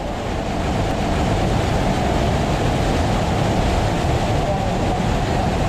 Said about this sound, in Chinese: 这5米的高度虽然规模不大，但湍急的水流叠在台阶上，叠出了3级瀑布叠水的景观。